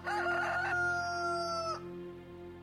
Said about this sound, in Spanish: Negó Pedro otra vez, y enseguida cantó el gallo.